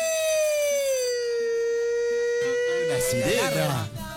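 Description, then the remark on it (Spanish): A loud, sustained siren-like alarm wails steadily throughout, its pitch dipping slightly and rising again, while people's voices chatter beneath it toward the end. “Sirena. Alarma, educación.”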